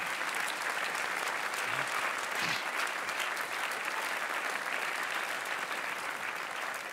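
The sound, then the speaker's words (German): Sustained applause from an audience, a dense, steady wash of clapping that holds at an even level for the whole stretch, with a few faint voices mixed in. “Und dieser alte Fuchs kriegt jetzt einen Applaus, damit er keine Sorgen mehr hat, dass morgen um 10.03 Uhr immer wieder sonntags losgeht.”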